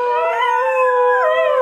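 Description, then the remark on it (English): Dogs howl in a loud, sustained chorus, their long wavering tones rising and sliding slightly in pitch without a break. No one speaks. “Yep, there goes all the dogs in the neighbourhood.”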